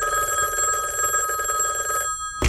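A telephone rings with a steady, bright metallic bell trill lasting about two seconds, then stops abruptly before a brief burst of noise.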